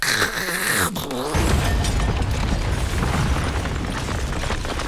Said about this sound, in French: C'est le plafond qui est tombé sur la tête du voisin.